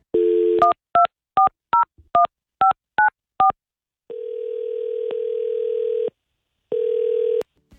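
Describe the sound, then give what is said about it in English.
A short dial tone, then eight quick two-note keypad beeps as a phone number is dialed for a call from a morning radio show on Mix 105.1 in Salt Lake, followed by two long ringing tones on the line, clear with no talking. “we're going to call up”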